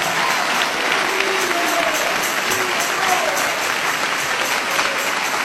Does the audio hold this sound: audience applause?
yes